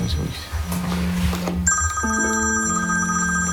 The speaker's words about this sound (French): Le téléphone. Allez-y.